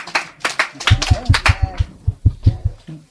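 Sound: round of applause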